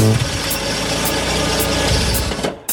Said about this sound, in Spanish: What's that? A car is pulling up.